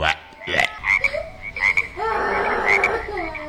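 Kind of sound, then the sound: animal, frog croaking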